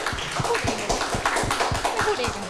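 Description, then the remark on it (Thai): A group of people applaud two groups of friends who answered correctly, a dense stream of overlapping hand claps with faint voices murmuring underneath. “เป็นแม่น้ำเพื่อนตอบถูกหมดเลยนะครับยอดเยี่ยมมากครับปรบมือให้เพื่อนทั้งสองกลุ่มอีกครั้งนึงครับ”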